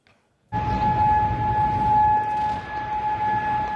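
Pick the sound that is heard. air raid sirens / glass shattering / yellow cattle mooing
air raid sirens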